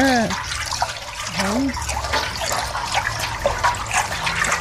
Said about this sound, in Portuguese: Na água. É, coloca na água. Pega aqui, mexe. Pra não ficar embolado.